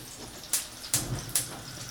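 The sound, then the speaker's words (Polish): Three glasses of water are poured into a pot, to later dissolve two bouillon cubes: three quick pours, each a sharp, bright gush about half a second apart, moderately loud over a faint background hiss, with no talking. “Ten tak, na 2 kostki rosołowe, które przyjdzie mi za chwilę rozpuścić w wodzie, daję 3 szklanki wody.”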